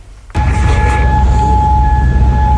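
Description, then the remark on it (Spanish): Air raid sirens, sounded after the Islamic Revolutionary Guard marked new US targets in the Persian Gulf overnight, start abruptly after a brief quiet moment, holding a loud, steady, high wailing tone with a fainter higher overtone above a constant low rumble. “Sonido de las alarmas antiaéreas que han sonado después de que la Guardia Revolucionaria Islámica haya marcado esta madrugada nuevos objetivos estadounidenses en el Golfo Pérsico”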